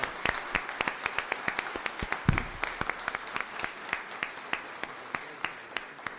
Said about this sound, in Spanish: Ya, démosle a estos catequistas, o alguien que fue catequista y que ya no está, mira, hay 1, 2, 3. Mira, hay varios. Démosles a los que fueron y a los que son un fuerte aplauso.